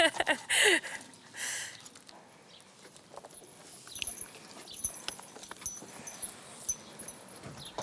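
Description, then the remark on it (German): Horses shift and step on a hard surface as they are being harnessed, their hooves giving irregular clip-clops, with a few louder rustling bursts near the start and faint background murmur. “Nicht nur die Pferde und das Geschirr sollen glänzen.”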